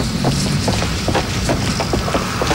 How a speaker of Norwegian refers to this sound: Det er en så veldig tydelig og høy lyd. Du mener klikk-klakk-lyden? Jeg mener selvfølgelig klikk-klakk-lyden. Hør på de skoene her, da!